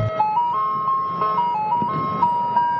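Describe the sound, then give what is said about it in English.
An ice cream truck jingle in East Boston plays a bright, tinny melody of stepped electronic chime notes, steady and continuous, over a low rumbling hum, with no one speaking. “Yeah, so here is a piece reflecting on the theme of nostalgia, and you will get to meet an ice cream truck driver.”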